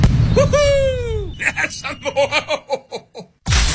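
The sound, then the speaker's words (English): Firecrackers go off: a whistling rise and fall, then a rapid string of sharp, rhythmic pops, ending in a loud burst of noise. “Number one firecracker stand, helping America's birthday with a bang for generations.”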